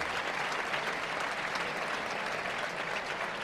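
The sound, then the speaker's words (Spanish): A large crowd in the bullring of El Puerto applauds steadily, a dense wash of clapping that holds at an even level throughout with no voices standing out, an ovation for matador Morante de la Puebla, who comes out into the ring to acknowledge it. “Y aplauso de nuevo al maestro Morante de la Puebla, una ovación que de nuevo sale a recogerla en el ruedo portuense.”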